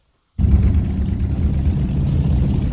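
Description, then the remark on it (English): A dense, continuous roar of thousands of motorbike engines, gathered by fuel smugglers at the edge of Pakistan's border with Iran in blistering heat, cuts in abruptly after a brief silence: a loud, rumbling drone with no voices heard. “On the edge of Pakistan's border with Iran, thousands of motorbikes are gathered together, kicking up dust in blistering heat.”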